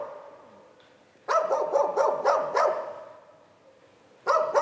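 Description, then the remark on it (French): Wild dogs bark at night behind a guesthouse by a shooting range: a quick, fairly loud run of about six barks, then a brief quiet stretch before another burst of barking begins. No voices are heard. “Derrière la pension, des coyotes et des chiens sauvages errent au milieu des cadavres de cartouches du champ de tir.”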